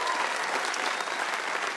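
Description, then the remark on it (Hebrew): A crowd applauds, dense steady clapping from many hands blending into a continuous wash of sound, fairly loud, holding at an even level for a couple of seconds. “אל תמחו כפיים, הוא תימני, אוקיי?”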